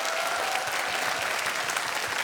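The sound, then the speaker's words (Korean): A crowd applauds steadily for a singer after his song on a radio show, a dense wash of many hands clapping at once, loud, with no pauses for the whole stretch. “네, … 씨에게 다시 한번 뜨거운 박수 부탁드립니다.”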